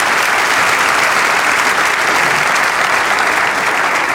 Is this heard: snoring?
no